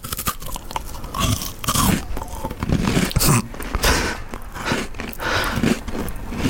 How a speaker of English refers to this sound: I'm going to put this in my mouth and start eating